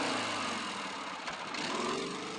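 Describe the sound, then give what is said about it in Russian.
A helicopter flies overhead above a man riding a motorcycle in the same direction. Its engine and rotor noise is loud, holding a dense, unbroken roar for the whole moment with no voices. “Над ним в ту же сторону пролетает вертолет.”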